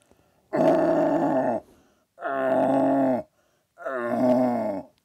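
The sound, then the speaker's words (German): Three drawn-out, groaning bellows, each about a second long with short pauses between: a several-time Vorarlberg deer-calling champion imitating the call of a young red deer stag with his voice; loud and without other talk. “Und er spielte mal vor, einen jungen Hirsch. Und jetzt der junge Hirsch und nachher der Blatthirsch.”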